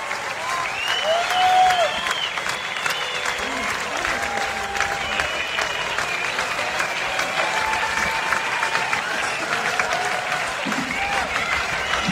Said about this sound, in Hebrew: והמחיאות כפיים לא פוסקות. כל הקהל מתרגש ועומד על הרגליים.